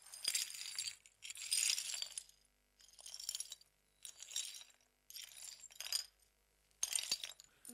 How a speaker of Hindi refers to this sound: अच्छा लाओ बेटा, लाओ ये झाड़ू मुझे दे दो, जरा मैं कांच बटोर दूं।